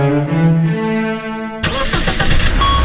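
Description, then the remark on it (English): A car engine starts up: a steady, droning whir for over a second, then the motor catches and roars into a loud, rough running sound. “Love your engine? Choose quality fuels with Shell.”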